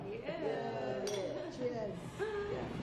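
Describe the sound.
Glasses clink together in a toast, a bright chime standing out over several people talking and murmuring.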